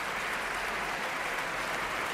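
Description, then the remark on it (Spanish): A concert audience in the Sala Sinfónica of the Auditorio Nacional de Música, Madrid, gives a sustained ovation to conductor Pablo González and the Orquesta y Coro Nacionales de España at the end of concert 21 of the symphonic cycle, 2025-26 season: dense, steady applause in a continuous crackling wash, no voices breaking through. “Con esta gran ovación finaliza este concierto número 21 del ciclo sinfónico perteneciente a la presente temporada 25-26 de la Orquesta y Coro Nacionales de España.”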